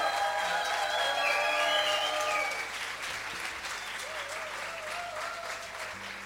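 An audience bursts into steady applause, dense clapping with some voices calling out over it; the ovation is loudest for the first couple of seconds, then eases to a softer, continuing patter.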